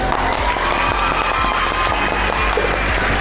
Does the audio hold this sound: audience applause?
yes